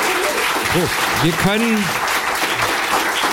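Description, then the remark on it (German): Steady audience applause for Sträter fills the whole stretch, dense, with a few short voiced calls or cheers rising briefly above the clapping. “Also ein Applaus für Sträter, den Krebs erstmal besiegt.”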